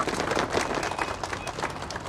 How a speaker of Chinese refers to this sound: 把掌声献给每一个努力的自己，来。